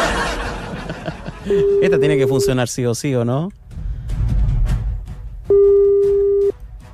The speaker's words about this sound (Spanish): Proceda a llamar, por favor. Esta llamada de WhatsApp, así que esta tiene que funcionar sí o sí.